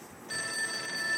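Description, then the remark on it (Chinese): A phone's ringback tone heard on an outgoing call: a steady electronic ring begins a moment in and holds at moderate volume, with no voices over it. “好，准备打电话。”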